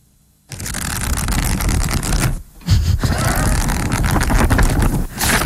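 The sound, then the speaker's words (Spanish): Pages of a book being turned rapidly and riffled, a continuous papery flutter that pauses briefly partway through, then resumes. No voices. “Darte aire, pasar hojas. Pasar hojas, entonces, ¿qué estás haciendo? Leyendo.”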